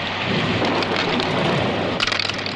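Steady, heavy rain pours down in a dense continuous hiss, with a low rumble of thunder underneath and a brief patter of louder drops near the end. No one speaks.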